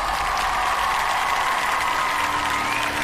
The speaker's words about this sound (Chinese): 那还有欢迎我们来自世界各地热爱音乐的100位国际大众评审，掌声欢迎你们，谢谢 ，Thank you very much。